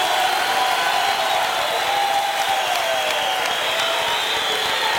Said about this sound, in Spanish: Denle un fuerte aplauso al Señor en esta noche.